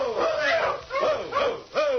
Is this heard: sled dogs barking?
yes